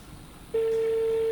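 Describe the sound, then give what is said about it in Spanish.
A steady telephone tone starts partway through and holds without a break to the end, the line ringing on a call to a registered phone number to reach a prize winner, waiting for someone to answer. It is clear and fairly loud over faint background hiss. “A ver si atiende el teléfono.”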